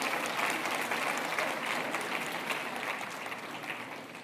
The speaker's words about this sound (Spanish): Ahora se aplauden, ¿verdad?